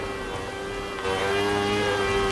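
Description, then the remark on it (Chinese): A steady, droning machine whine with a buzzing motor hum as a craftsman polishes and grinds jade with an abrasive harder than jade. It grows slightly louder partway through and runs continuously without speech. “啊，给玉器抛光打磨。”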